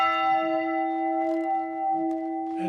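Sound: church bell ringing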